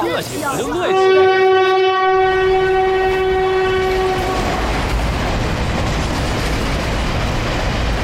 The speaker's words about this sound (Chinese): 我跟你说过不要坐这趟火车，你非要坐，你说说，这趟火车慢车，哎呀，站又多，人又杂，你看看，脏死了！